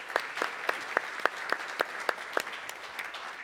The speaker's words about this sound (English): So, yes, that deserves applause.